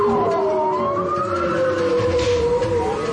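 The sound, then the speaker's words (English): Long, tonal bowhead whale calls, recorded underwater off the coast of Alaska, glide and sweep in overlapping moans, sounding like sirens, steady and fairly loud against a murky underwater rumble, with no talking. “Listening to the underwater sounds of bowhead whales recorded off the coast of Alaska.”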